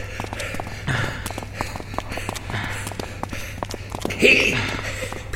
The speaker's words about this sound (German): Nicht so laut. Dein Keuchen kann man durch das ganze Museum hören.